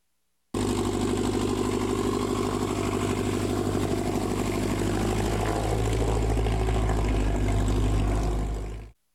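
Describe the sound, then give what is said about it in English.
Steady, droning buzz of small propeller airplane engines at an Experimental Aircraft Association Chapter 569 fly-in breakfast in northeast Nebraska in the morning, running continuously, with strong low harmonic bands and a slightly rising whine toward the end before cutting off. “And motors buzzing in northeast Nebraska this morning for the fly-in breakfast.”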